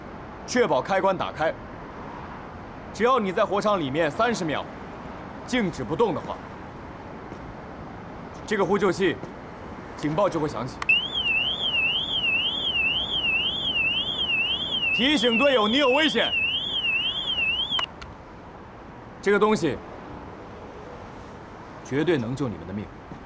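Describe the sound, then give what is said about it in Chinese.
A firefighter's distress alarm wails for several seconds, a loud, rapidly warbling electronic tone, while people speak in short bursts before, during and after it. The alarm sounds after the wearer stays motionless for 30 seconds, to warn teammates of danger. “确保开关打开，只要你在火场里面30秒，静止不动的话，这个呼救器警报就会响起，提醒队友你有危险。”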